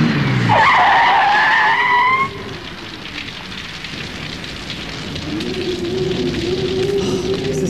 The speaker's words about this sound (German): Ja, da kommt ja noch ein Wagen.